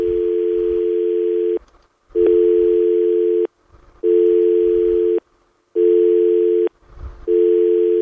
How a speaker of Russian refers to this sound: Я счастлив, что у нас гудок звенит.